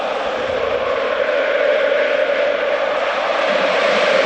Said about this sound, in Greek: Ακούτε τον ήχο του θριαμβού, το χειροκρότημα της επιτυχίας, την αναγνώριση για το γεγονός ότι αυτή η ομάδα τα έδωσε όλα μέσα στο γήπεδο, υπέροχες εικόνες μπροστά στη κερκίδα των οργανωμένων, στο πέταλο, όλο το γήπεδο, 30.000 κόσμος.